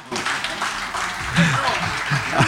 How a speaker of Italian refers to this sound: il grande Attilio Scarpone, un applauso